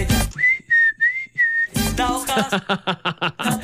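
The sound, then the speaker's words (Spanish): A clear whistle holds a few smooth, sustained notes for about a second, then gives way to a louder, busier stretch of rapid, choppy tones. “Ya no se sabe quién silba, si el pollo o la canción.”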